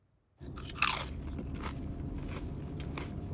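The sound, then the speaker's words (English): Loud crunching and chewing by children eating in the back seat of a moving car, with wet mastication and sharp bites, over a steady low rumble of the car interior on the road. No one speaks. “Except gorillas make less noise chewing.”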